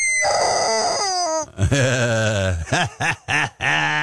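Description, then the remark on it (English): A rubber chicken squawks loudly: a long, wavering, reedy honk, then a drawn-out squeal that slides down in pitch, followed by three short, sharp squeaks in quick succession. “Rubber chicken.”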